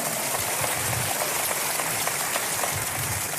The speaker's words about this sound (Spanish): Un aplauso para la pastora. ¿Cuántos aman a su pastora? Gracias, mi amor. Vamos, un aplauso fuerte.